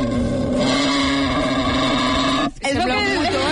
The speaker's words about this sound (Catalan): FX Engla. D'acord? Sorollet de Sengla per començar el matí. El vas escoltar abans de carregar-lo? Sí, l'he escoltat aquest matí. M'ha semblat bastant adequat.